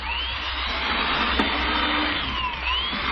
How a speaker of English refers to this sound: Look at it drill holes through this board. Oh, it drills too fast.